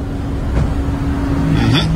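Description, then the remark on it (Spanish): A car engine hums steadily in a played video, its pitch shifting slightly near the end as the car parks, with a faint brief whoosh midway. “El carro se estacionó allí.”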